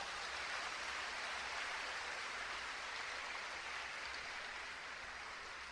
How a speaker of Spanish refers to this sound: Un aplauso para esos hombres.